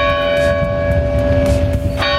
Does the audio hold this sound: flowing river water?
no